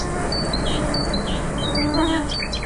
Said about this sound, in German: Bei den Geräuschen der Nacht darf die Nachtigall natürlich nicht fehlen.